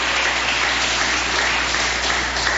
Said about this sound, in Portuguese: Pode glorificar a Jesus com palmas e glória a Deus.